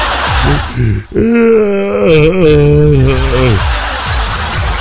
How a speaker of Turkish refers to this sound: Şu esnemeleri kenara bırakmak, beni de esnetirsiniz ha.